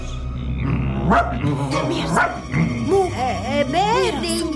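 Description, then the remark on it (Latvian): Dogs bark and yip in a string of short, rising and falling calls inside a home, with a steady low hum underneath and a voice speaking at times. “Nē, ar suņiem.”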